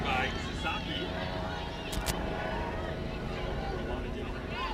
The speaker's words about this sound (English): Helicopter flying right above us. Sorry for the distressing sounds, but that does happen as often medical helicopters fly over to Stanford Medical Center.